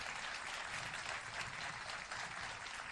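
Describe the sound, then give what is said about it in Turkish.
Sustained audience applause for Güler Duman on the Yıldız NTV Türkü channel, a dense steady clatter of many hands clapping at an even loudness throughout, with no voices standing out above it. “Güler Duman, evet, büyük alkışlar Güler Duman ustamız için.”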